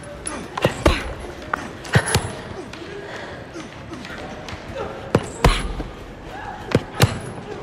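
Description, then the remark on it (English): A woman with bruised knuckles keeps punching at the sparring rings, repeated punches landing in quick pairs of sharp, thudding impacts, spaced irregularly over several seconds, over a low murmur of background noise and faint indistinct voices. “Back at the sparring rings, Triss looks down at her bruised knuckles and continues punching.”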